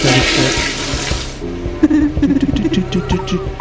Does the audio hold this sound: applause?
no